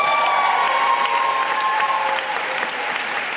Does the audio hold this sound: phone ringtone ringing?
no